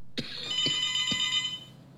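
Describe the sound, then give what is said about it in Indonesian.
A telephone on the call-in line of radio station RRI Tuban rings with a bright, metallic bell tone, a few distinct strikes blending into a shimmering high ring that holds for about a second and a half before fading out. “Ada yang berdering lagi via telepon, kira-kira siapakah di sana?”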